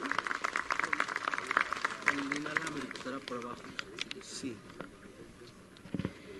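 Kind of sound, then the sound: crowd, audience applause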